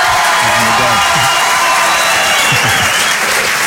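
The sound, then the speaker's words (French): A studio audience at the radio station Rire et Chanson applauds loudly and steadily, a dense wash of clapping with cheers and whoops rising over it, while a few voices call out underneath throughout. “Ça compte pour les droits d'auteur, ça, ou pas, les applaudissements?”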